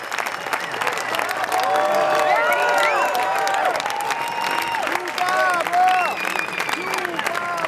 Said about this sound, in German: Der Applaus am Ende dauert minutenlang an.